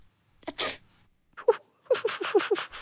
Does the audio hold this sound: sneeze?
yes